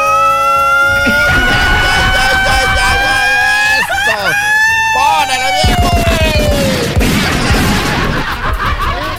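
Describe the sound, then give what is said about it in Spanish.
A loud Mexican grito: one long, high, sustained yell that wavers into warbling trills midway, then slides down in pitch and trails off into a rhythmic, laugh-like chatter. “Grito mexicano para ambientar el día de hoy.”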